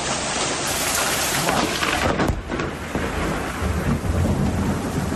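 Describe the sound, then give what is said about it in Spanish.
Heavy rain pours down in a dense, steady roar, with low rumbling thunder rolling underneath throughout an intense, isolated storm concentrated over one spot in Archidona, around 6 in the afternoon. No voices are heard. “Una tormenta aislada, muy concentrada en el mismo punto.”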